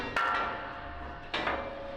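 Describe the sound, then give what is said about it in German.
Two loud hammer blows on a metal brake shoe of a railway wagon bogie, roughly a second apart, each leaving a bright ringing tone that lingers and fades, as fitters change the brake shoes. No one speaks. “Die Schlosser brauchen nur Hammer, Meißel und Kraft.”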